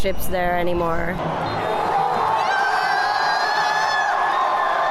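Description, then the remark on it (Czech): A crowd of Norwegian team members and fans cheers and whoops in a final rowing-style celebration after Norway beats Brazil to reach the world's top eight teams, loud and sustained, with overlapping shouts and high-pitched excited voices throughout. “Tuhle závěrečnou veslovačku si obzvlášť vychutnávají. Radují se, že z Brazílií nikdy prý neprohrají”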